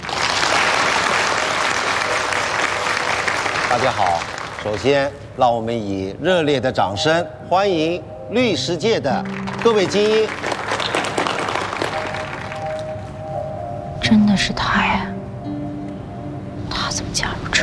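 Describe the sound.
An audience at an anti-fraud awareness event breaks into dense, steady applause for a few seconds as a guest from the city police criminal investigation brigade is welcomed, then the clapping fades beneath voices and talking that carry on afterward.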